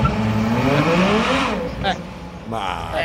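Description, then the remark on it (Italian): A powerful V12 car engine revs up loudly as the car sets off in first gear, its pitch climbing steadily for over a second before easing off, then surging upward again near the end. “falle di 50 cavalli che fanno 30 all'ora e ti portano V12, lì. Vi do V12.”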